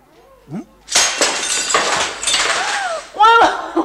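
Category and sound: sound effect, window glass being smashed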